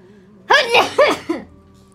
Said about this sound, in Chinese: 哎呀，想打喷嚏。